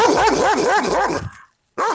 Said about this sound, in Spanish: ¿Y ese perro? ¿Qué pasó? ¿Qué pasó ahí, amiga, con el perro?